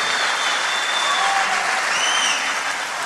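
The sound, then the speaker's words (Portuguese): An audience claps for pastors at a church service, steadily in a dense, continuous wash of applause, loud and even throughout, with a few faint whistles or cheers rising above it and no talking. “Vou dar uma salva de palmas para esses pastores aí, maravilhosos.”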